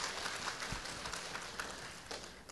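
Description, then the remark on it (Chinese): A crowd at a Buddhist gathering applauds in thanks after a speaker's talk, many hands clapping in a dense, continuous patter that stays fairly soft and even for the whole stretch, with no voices standing out. “我们再热烈的掌声，感谢”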